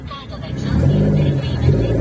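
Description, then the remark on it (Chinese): A rear-wheel-drive turbo straight-six car engine revs up sharply after a quiet start, its deep rumbling growl swelling and holding loud, with people's voices faintly audible beneath it. “我都跟你讲了，这种后轮驱动 Turbo is the best。”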